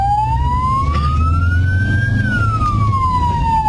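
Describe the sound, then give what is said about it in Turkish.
An ambulance siren wails loudly in one slow sweep, rising and then falling, over a steady rumble of engines and traffic, as the ambulance driver turns on the sirens to ask drivers to make way. “Zamanla yarışan ambulans şoförü sirenlerini açarak yol istedi.”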